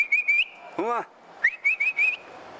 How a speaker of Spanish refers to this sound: Ese era el silbí. Para sacar el perro a la cacería, le hacía.